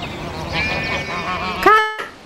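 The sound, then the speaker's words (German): Geese honk in their enclosure in a noisy, overlapping chorus, then one loud, nasal honk rings out before the calls fade. No one is talking. “Weiter drüben sieht man auch die Kaninchenställe, das Gehege der Gänse und ganz im Hintergrund eine Anpflanzung von herrlichen Obstbäumen.”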